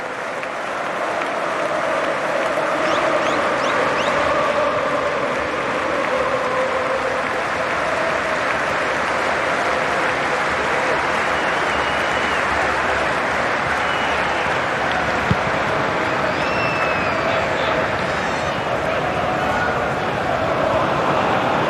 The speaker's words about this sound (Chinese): 比赛踢到21分钟的时候，利物浦现场的这个纪念仪式，所有的球迷起立鼓掌，怀念迪奥哥·若塔。